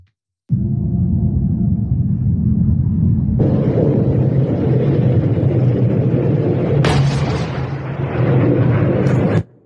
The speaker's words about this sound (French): Ces images que vous venez de voir, ces images, ces explosions seraient dues à des frappes américaines qui visaient justement la base d'où seraient partis les drones iraniens.